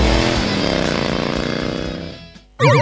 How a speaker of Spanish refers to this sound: Alarma de moto.